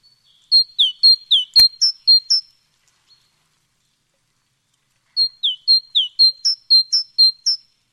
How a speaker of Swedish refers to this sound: Vad var det där? Ja, det här är ju talgoxen. Ja. Och den är ju en stannfågel, så den ser du ju också vid matningarna.